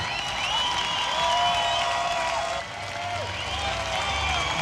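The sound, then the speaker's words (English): A crowd applauds steadily, dense clapping holding at an even level throughout, with faint cheering and whistle-like voices rising above the sustained wash of hands. “Stop clapping.”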